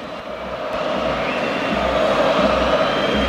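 The crowd at the Pizjuán stadium gives a sustained ovation for Modric as he finishes warming up, a dense, steady roar of cheering and applause that stays loud and unbroken for the whole stretch, with no voices standing out.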